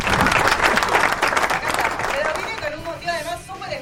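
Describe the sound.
Loud, dense applause from a crowd fills the first half, then thins and fades while a voice begins speaking over the dwindling claps.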